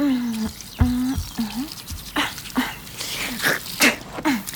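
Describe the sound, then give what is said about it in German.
Tooth brushing with running water: irregular bursts of scrubbing strokes and splashes, mixed with a few short squeaky or gurgling tones, with no talking. “So, jetzt nur noch Zähne putzen.”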